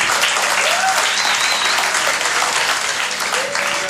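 An audience applauds loudly and steadily, a dense wash of many hands clapping together with a few faint whistles rising through it, sustained at full intensity throughout.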